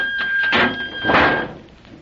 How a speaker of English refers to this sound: Step back and close the door at once.